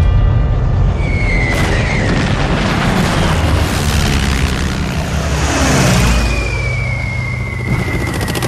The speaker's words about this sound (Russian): В 43-м году генерал Чуйков попал под бомбежку. Сразу несколько немецких самолетов наносили удары по укрытию, где находился полководец.